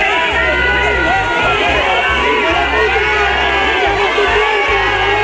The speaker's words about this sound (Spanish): Abucheos para el titular de Interior de unos ciudadanos cansados de mentiras, hartos de promesas y que se sienten abandonados en lo que ha sido la mayor crisis vivida en su ciudad.